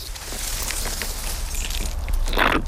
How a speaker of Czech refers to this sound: Budu muset navrtat každý zvlášť, protože se rozdělují ty jednotlivé kmeny už u země a já musím dostat účinnou látku do všech. Takže na tento kmínek postačí 4 díry. Do nich pak lije postřik.